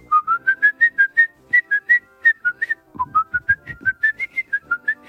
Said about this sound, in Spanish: Es lo mismo que si alguien se pusiera a silbar dentro del mundo del cine cosas como...